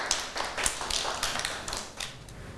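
A group of children claps in an uneven patter of sharp, bright slaps. Bursts overlap and swell briefly, then the applause thins out. No one speaks.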